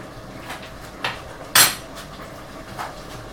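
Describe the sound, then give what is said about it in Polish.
A spoon stirs food in a cooking pot, knocking against the metal in a few scattered clinks, one louder than the rest, over a quiet steady background with no talking. “przez chwilę mieszamy i gotujemy, aby wszystkie smaki miały szansę się za sobą przeniknąć.”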